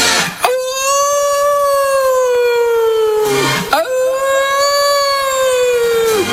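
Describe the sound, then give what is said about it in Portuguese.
Two long, loud wolf howls, one after another, each rising quickly, holding a steady mournful pitch for about three seconds, then sliding down. No voices are heard. “Os lobos famento das esteiras, raza asesina, a raza asesina dos lobos das esteiras.”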